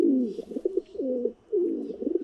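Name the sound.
stock dove cooing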